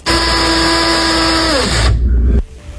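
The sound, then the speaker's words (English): An electric pencil sharpener runs with a steady, buzzing motor whine for about two seconds. Its pitch sags as it spins down, then the sound cuts off. No one speaks. “I'm going to say an electric pencil sharpener.”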